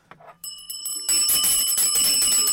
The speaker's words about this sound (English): Oh, let me give you our bell.